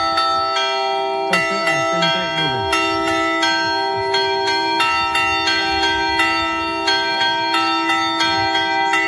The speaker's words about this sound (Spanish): Ya de niño, fíjate, identificaba cada toque de campana, como por ejemplo el de tormenta, también llamado anublado.